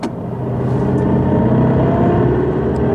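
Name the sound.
car driving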